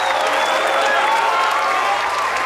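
A crowd applauds tonight's quiz winner, clapping loudly and steadily throughout, a dense continuous wash of applause with a few faint whistle-like tones mixed in and no one speaking.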